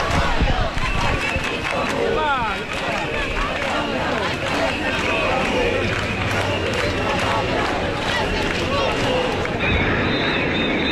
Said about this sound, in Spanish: Porque vamos a oír algo que ocurrió en la capital, ahí en Palma de Mallorca. Concretamente, porque 25.000 personas se juntaron porque estaban ya hartas y sus gritos fueron estos.